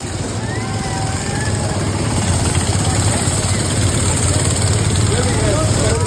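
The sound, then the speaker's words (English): The small mini car engines of the Shriners drone and rev steadily as the cars race in a parade, a loud, continuous buzzing rumble of several motors running together, with indistinct voices faintly mixed into the outdoor noise. “Watching the Shriners and the little mini cars do a race.”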